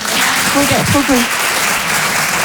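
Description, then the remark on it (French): A stand-up comedy audience claps steadily in answer to a comedian asking who knows what vitiligo is, a dense wash of applause that holds at an even level throughout, with a brief voice calling out over it early on. “Par applaudissement, qui voit ce que c'est le vitiligo?”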